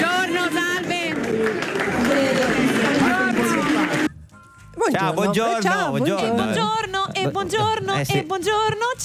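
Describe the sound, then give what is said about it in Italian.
A loud crowd at the 2 June parade in Italy chants the name Giorgia, for Giorgia Meloni, in rising and falling shouts, with scattered cheering and clapping mixed in; after a brief pause the chanting resumes, stronger and rhythmic. “Buongiorno, ha salutato, poi c'era questa folla, vediamo se adesso abbiamo di nuovo la folla italiana o quella del Burkina Faso. Sottofondo si sente un Giorgia, però sì, potremmo essere anche lì.”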